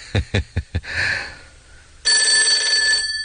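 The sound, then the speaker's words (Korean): A few sharp knocking thumps give way to a loud, sustained telephone bell ringing with a bright, shrill, continuous tone that fills the final second. “각자 위에서 전화벨이 울렸다.”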